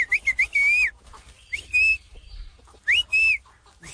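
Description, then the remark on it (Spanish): In a village, someone passing in front of a friend's house whistles through their lips to call the friend: loud, sliding notes in a few short bursts with pauses between, the phrases rising and wavering like a signal. Nobody speaks. “Un amigo pasa enfrente de la casa del amigo. Y pues así como se comunicaban, él le chifla.”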